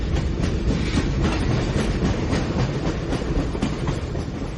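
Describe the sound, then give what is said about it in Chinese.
A train on the Jinpu railway, bound for Shanghai North Station, rolls steadily along the tracks, a continuous loud rumble with faint rhythmic clicks from the wheels, with no voices. “火车入金浦铁路，渡长江后又入会宁铁路，一路走走停停，跑了两天一夜才到上海北站”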